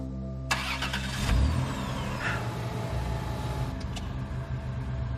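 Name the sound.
car engine starting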